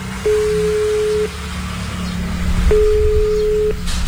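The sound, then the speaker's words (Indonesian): A phone ringback tone plays over a loudspeaker: two steady one-second beeps separated by a pause, set against a low background rumble with no one speaking. “Coba tak bele wae yo, Mas yo. Tak loudspeaker iki.”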